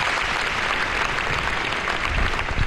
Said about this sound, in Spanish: Navarra despedía ayer a los 5 policías forales fallecidos en el accidente de tráfico del Goibar. La Catedral de Pamplona acogía ayer un emotivo funeral donde las familias fueron acogidas entre aplausos.